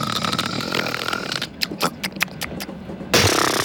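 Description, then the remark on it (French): A voice imitates a man snoring while asleep on a train: a long, rough, rattling inhale, followed by a series of short snorting bursts and a final noisy blast, with no words spoken. “il s'endormirait dans le train parce que les messieurs, souvent, ils s'endorment dans le train et ils ronflent comme pas possible.”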